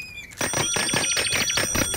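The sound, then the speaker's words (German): A bicycle bell rings rapidly and insistently, loud, its bright metallic dings repeating in a fast continuous trill for nearly two seconds. “hör auf zu klingeln!”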